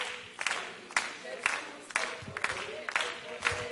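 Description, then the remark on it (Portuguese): A group claps hands together in a steady rhythm, about seven sharp claps roughly half a second apart, with a murmur of voices underneath. “Depois que vai vir as palmas.”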